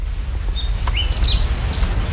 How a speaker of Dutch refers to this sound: Ik hoor wat vogeltjes. We staan hier in een prachtige tuin, vlakbij een kasteel.